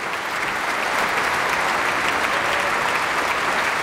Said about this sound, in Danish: Ja, det var da noget, som publikum kunne lide at dømme efter bifaldet. Et meget energisk stykke. Her måske med elementer sådan fra balinesisk kultur. Janis Carissa spillede ved koncert i Minneapolis Orchestra Hall.